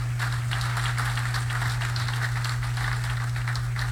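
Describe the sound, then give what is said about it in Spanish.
An audience applauds steadily for the attending municipal presidents at the second activity report of the Jerez municipal government, a dense wash of many hands clapping at an even level throughout, with a constant low hum running underneath. “Le damos un fuerte aplauso para todos y cada uno de ellos.”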